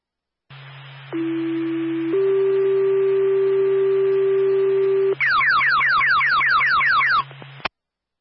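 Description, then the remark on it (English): A fire dispatch alert tone calling Claremont Fire to a box alarm at Claremont Middle School: a loud, steady electronic tone steps up to a higher pitch and holds for several seconds, then breaks into a rapid series of falling warbling chirps. “Claremont Fire, stand by for a tone.”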